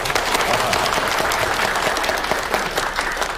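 An audience in Qingshanyu village claps for the village party secretary about to speak, a dense, crackly wash of many hands at a fairly loud, even level with no pauses, and no one speaks over it.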